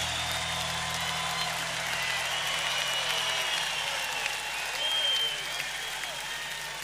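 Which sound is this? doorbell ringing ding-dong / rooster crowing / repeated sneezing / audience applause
audience applause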